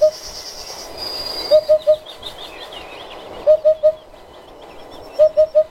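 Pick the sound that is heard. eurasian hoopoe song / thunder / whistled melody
eurasian hoopoe song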